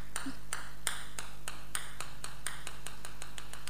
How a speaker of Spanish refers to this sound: Es una pelotita rebotando. Muy bien.